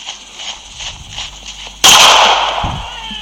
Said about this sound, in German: Ein Schuss, oh Gott. Sie hat den einen Mann getroffen, er geht zu Boden.